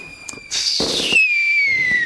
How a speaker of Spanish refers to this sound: Sí. Se tiran cohetes. ¿Se tiran cohetes? Sí, mucho, acá en Taiwán mucho cohete, mucho como cohetillo. O sea, toda se celebración hay cohetes.